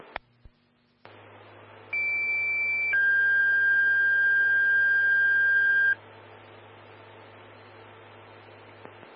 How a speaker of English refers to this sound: for tones on a fire alarm.